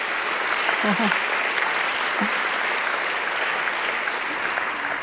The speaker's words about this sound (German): Also eine echte Erfolgsgeschichte für die jungen Leute. Ja, Beifall wert.